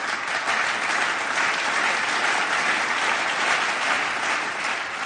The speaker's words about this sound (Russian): Их встретили громом аплодисментов.